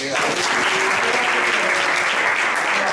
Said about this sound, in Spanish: Un aplauso.